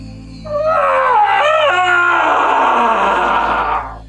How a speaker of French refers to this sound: Le hurlement d'Achille suspendit les mouvements de vie du camp. Il se jeta sur le sable, se tordit comme un fou, s'arracha les cheveux, se couvrit des cendres du foyer tout en hurlant.